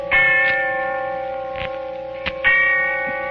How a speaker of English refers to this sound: And the sound of the bell tolling away in the darkness of early evening.